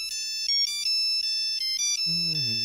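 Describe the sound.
A tinny polyphonic mobile ringtone plays the Game of Thrones TV theme tune, its bright synthetic notes loud, before a man's voice cuts in over it near the end.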